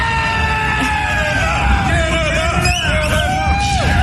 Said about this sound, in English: Lots of smiles, lots of cheering. Some of these people, keep in mind, have traveled from different provinces just to be here.